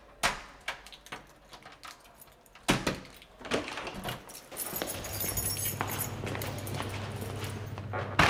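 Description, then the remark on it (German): Keys jingle and click in a lock, followed by a solid clunk as a door swings open, revealing a steady low mechanical hum and rushing noise beyond. No voices. “Woher hast du die Schlüssel?”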